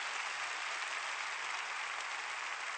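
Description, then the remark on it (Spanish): Steady applause from an audience for the Lord and his word, a dense hiss of many hands clapping together at an even loudness throughout, with no voices over it. “Dale un fuerte aplauso al Señor y su palabra.”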